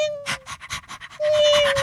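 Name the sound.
small dog panting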